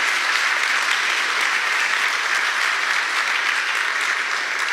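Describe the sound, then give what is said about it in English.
An audience applauds steadily to honor their pastors and leaders, a dense, sustained wash of many hands clapping at a fairly loud, even level throughout, with no voices standing out. “Pastor, forgive me, I'm old school, so I grew up in Baptist church, so we clap a lot.”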